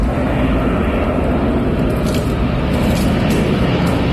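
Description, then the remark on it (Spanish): A steady, loud aircraft engine roar from wildfire extinguishing operations fills the whole recording, dense and rumbling with heavy low end, with no voices over it. “Explican desde el Infoca en sus redes sociales, donde también han colgado sonidos de las labores de extinción.”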